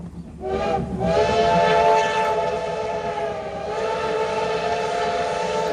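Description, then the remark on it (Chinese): A steam locomotive's whistle blows loud and long for several seconds, its rich, reedy tone held steady over the low rumble and clatter of a passing train. The train is Taiwan Railway's black CT273 steam locomotive crossing the Huadong Valley and rice paddies on the midsummer Formosa excursion. No one speaks. “黑色车头穿越了花东纵谷和稻田，蒸汽火车跟自然景色交织，也成了每年仲夏宝岛号出行的最大亮点。”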